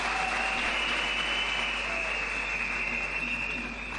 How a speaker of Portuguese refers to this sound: todos os parceiros aqui presentes que nos apoiaram para a realização desta 9ª Conferência Nacional da Juventude, e queria pedir uma grande salva de palmas para os nossos parceiros.